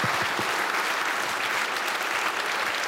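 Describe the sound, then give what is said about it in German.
Steady audience applause for a brass band that received the Steirischer Panther award for the second time, a dense, continuous crackle of many hands clapping at an even loudness throughout, with no voices standing out. “Und jetzt kein's klatschen.”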